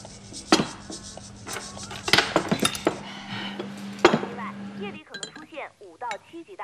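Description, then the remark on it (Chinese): Several bright glass clinks ring out at a crowded table as people drink a toast, a few seconds apart, over murmuring voices and dish clatter; livelier voices take over near the end. “来，干杯！”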